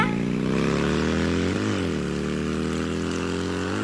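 A motorcycle engine, ridden away by a youngster who has no licence yet, drones steadily and loudly, its pitch dipping briefly midway before settling back into a constant hum. No one speaks.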